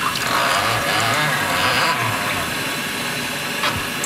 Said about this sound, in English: So we're going to pour just a little bit of warm water into the infusion chamber and let it steep for about 45 seconds. You can just pour the water right here.